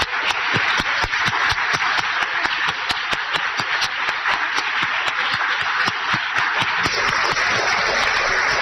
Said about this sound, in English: to please stand for one final round of applause for sharing your incredible stories today.